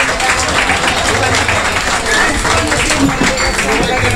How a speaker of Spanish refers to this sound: Y yo creo que, para no alargarme, quiero que le dé un fuerte aplauso a todo este tremendo equipo que hay detrás de la barra, en la cocina, en todas partes, que es Cinzano.